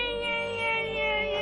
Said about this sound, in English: That sounds like a big mosquito. But it kind of sounds like a baby. Do you guys hear a baby? Where's that sound coming from?